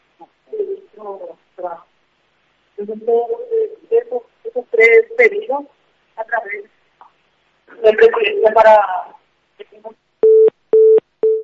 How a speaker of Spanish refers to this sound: Es el teléfono.